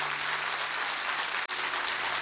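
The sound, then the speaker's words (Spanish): An audience applauds the people connecting remotely, with dense, steady clapping that fills the whole clip, broken only by a split-second dropout near the end. No one speaks over it. “Dale un fuerte aplauso a la gente que se conecta.”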